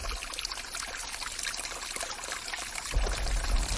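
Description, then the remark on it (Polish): The Chochołowski Potok, a cold mountain stream in the Chochołowska Valley in the Tatras, rushes steadily beside a trail, a dense, continuous wash of flowing water with a low rumble that swells slightly toward the end. No voices are heard. “Pamiętacie Chochołowski Potok? Teraz, kiedy zeszliśmy już z żółtego szlaku, mamy go po lewej stronie, wychodząc z Doliny Chochołowskiej.”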